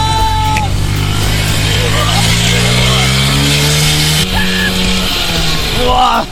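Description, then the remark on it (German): A small motor scooter races by at full throttle in a speed race, its loud, buzzing engine climbing steadily in pitch as it accelerates, with faint shouts in the background. “Saustark mit dem Roller!”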